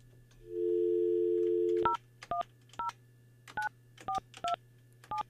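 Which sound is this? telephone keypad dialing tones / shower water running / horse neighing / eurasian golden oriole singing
telephone keypad dialing tones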